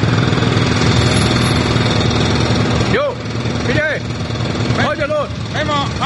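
A loud, steady engine drones at a construction site, picked up by a microphone left behind there, and partway through several construction workers start shouting over the machinery noise.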